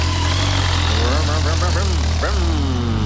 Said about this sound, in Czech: Hele, motorka.